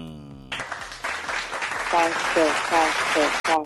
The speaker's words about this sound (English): I beg a round of applause for Baba God. I beg.